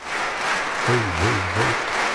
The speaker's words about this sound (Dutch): Destijds een opname van de AVRO. Maar echt, dit applaus gaat nog tijdenlang door. Ik kan het even doorspoelen, want uiteindelijk hoor je niet echt een AVRO-applaus, maar meer een... Even kijken hoor. Ja, dit.